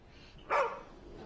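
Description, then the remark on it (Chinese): A single short bark from a dog named Xiaoqiao, sharp and fairly loud, against a quiet background with no one speaking. “小乔到了一个新环境，可能不太适应，咬了我一口，没事儿。”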